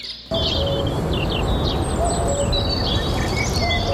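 Several small birds chirp and twitter in quick, overlapping calls over a steady outdoor hiss, a busy garden chorus with no voices.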